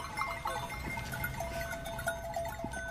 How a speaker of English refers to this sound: It's slightly surreal that we're on the edge of an airport and there's just been a flock of sheep that's come past. This is a farming area, isn't it? It's quite normal that we have livestock.